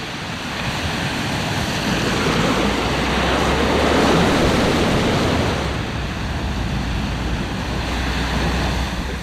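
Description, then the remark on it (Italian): Ocean waves wash steadily below a sea cliff that overhangs the ocean like a natural balcony, a broad continuous roar that swells to a peak midway and eases off again, with wind rushing across the microphone and no voices. “Lì c'è una scogliera e ciascun pellegrino su questa sorta di balcone naturale a strapiombo sull'oceano può sedersi e contemplare la fine del mondo.”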